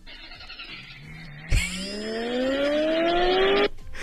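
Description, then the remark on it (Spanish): A model car switches on with a sharp click, followed by a loud engine whine that climbs steadily in pitch for about two seconds before cutting off abruptly. No one speaks. “No, Encendió la bocina auto, radio, está, todo está modelo”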